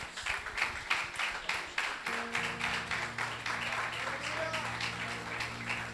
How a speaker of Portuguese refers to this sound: Graças a Deus, e as palmas engrandecem o Rei Jesus.